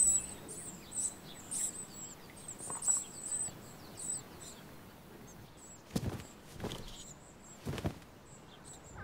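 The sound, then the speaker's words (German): Great tit calls, a run of thin, high chirps repeated rapidly over a quiet background, fading out midway as a few soft rustling thumps follow. “Auch die kleinere Kohlmeise ist ganz scharf auf Räubchen als leicht verdauliche Babykost.”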